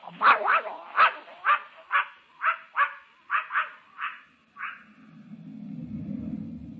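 animal, dog barking and yipping

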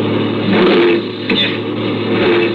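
vehicle, truck engine revving

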